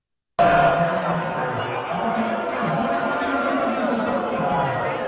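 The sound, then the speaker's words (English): A crowd at a Democratic Socialists of America slate election night party boos loudly and continuously at someone shown on a big screen, giving thumbs down: a dense wash of many voices jeering together that starts abruptly and holds steady for several seconds. “They're all booing and their hands, you know, thumbs down, everything else.”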